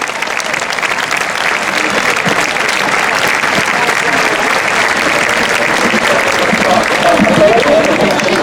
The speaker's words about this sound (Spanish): Con todos vosotros, y demos un fuerte aplauso al grupo ….